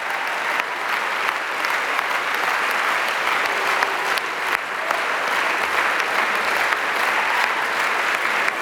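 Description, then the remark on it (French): A standing concert audience applauds the orchestra and Robin Engelen steadily, a dense, even wash of many hands clapping at constant loudness for the whole stretch, with no voices standing out. “Et ils montrent Robin Engelen tous les musiciens qu'il faut applaudir.”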